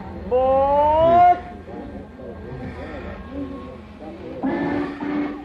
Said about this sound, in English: Is that the Winnetka train? Yes, sir. Track 4.